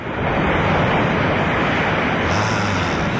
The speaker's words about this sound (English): And finally, waves crashing on a shore.